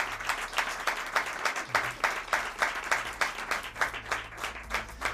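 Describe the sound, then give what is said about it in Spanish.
A crowd applauds steadily for about five seconds in thanks to colleagues at Radio Rioja. Many hands clap in a dense, even patter at a moderate level, with no voices over it. “y sobre todo sin la ayuda de mis compañeros, ¿no?, de Radio Rioja, a quienes quería dar las gracias y un fuerte aplauso y abrazo.”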